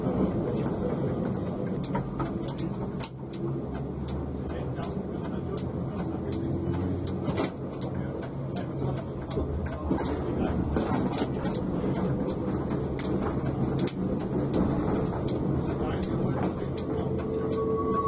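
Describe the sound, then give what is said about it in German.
Steady rain patters with scattered crisp drops, over a continuous low rumble that could be thunder, holding at an even, moderate level throughout. The rain set in at the end of a special tram photo run, as the two tram cars returned to the Burgau depot. “Mit einsetzendem Regenwetter endete die Fotosonderfahrt gerade noch rechtzeitig und die beiden Wagen rückten wieder zum Betriebshof Burgau ein.”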